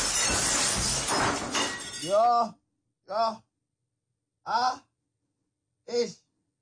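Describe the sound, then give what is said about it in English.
A glass jar of pasta sauce smashes loudly on a white tile floor, a dense crashing burst for about two seconds, followed by three short, dismayed vocal groans spaced out in the quiet. “I broke it. Just smash on the floor. Think glass, sauce, white tiles, white cupboards.”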